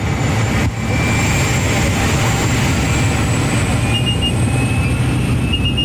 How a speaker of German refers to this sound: Zusammengequetscht wie Sardine in der Büchse hocken wir mit etwa 10 anderen Leuten in farbigen Ganzkörperanzügen in einem munzigen Flugzeug. Es ist dermassen laut, man versteht fast sein eigenes Wort nicht.